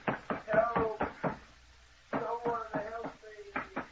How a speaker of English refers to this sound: Let me out of here. I'll break the door down. Let me out. Someone come and let me out.